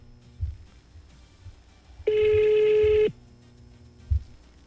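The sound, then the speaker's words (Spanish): A cell phone rings with a single loud, steady electronic tone lasting about a second, set against a quiet background with a few soft low thumps before and after. “Conteste el celular.”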